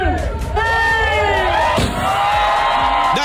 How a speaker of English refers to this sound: The crowd goes wild. It is Dolly's Tennessean travel stop in Cornersville, Tennessee.